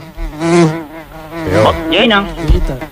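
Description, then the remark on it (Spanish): A housefly buzzes continuously, its droning hum wavering in pitch and loudness as it circles, with no voices over it. “Mosca. Sí, es una mosca.”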